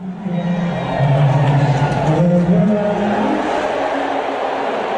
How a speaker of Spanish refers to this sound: De repente enfocan en las pantallas a Donald Trump. A ver, Manu, ahí me parecen abucheos. Pitos, no sé, pero. No, te a lo mejor no, no, pero mira, mira, así sonaba directamente en la grada.